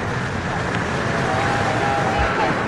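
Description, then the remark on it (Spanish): Ocean waves surge against rocks inside a sea cave carved by the waves, the churning water forming foam that runs down the rocks; a steady, dense, echoing roar with no distinct breaks, loud throughout. “El agua se revuelve junto a ellos formando coronas de espuma que escurren por las rocas para con cada golpe de ola convertirse en nueva espuma.”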